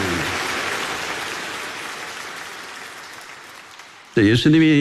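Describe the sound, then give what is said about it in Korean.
A large crowd claps steadily for about four seconds in applause giving glory to God, the dense applause slowly fading, before a man's voice begins speaking at the end. “우리 다시 한번 하나님께 영광의 박수 올려드립니다.”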